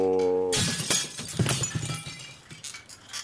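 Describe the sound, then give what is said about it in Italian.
A brief steady humming tone cuts off into a loud crash as something breaks through the glass windows of a shed, followed by scattered tinkling and clattering shards that gradually thin out. “Ha sfondato le vetrate del capannone.”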